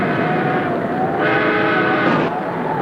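A railroad engine whistle gives the engine signal of an engine checking the line to make sure it is safe for the express train. It blows one long, loud, steady tone that swells slightly and shifts in pitch partway through, sounding alone without any voices.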